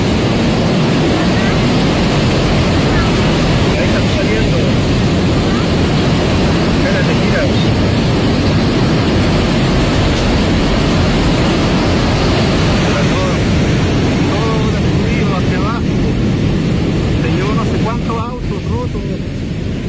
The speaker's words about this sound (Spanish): Parte del sonido del agua que corre este gran torrente por calle General Blanche en la comuna de Las Condes.